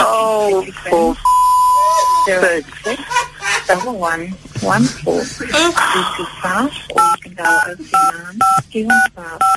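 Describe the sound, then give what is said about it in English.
Telephone keypad tones during a call transfer: one longer steady beep early on, then a quick run of short, evenly spaced dialing beeps near the end, mixed in with animated talking. “Hold on, sir. I'm transferring you.”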